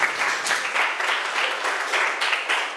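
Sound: students clapping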